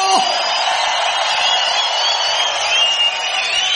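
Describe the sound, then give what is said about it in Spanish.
A large audience lets out a loud, sustained shout of jubilation, many voices cheering and whooping together without pause. “Si es reina, dale un fuerte grito de júbilo.”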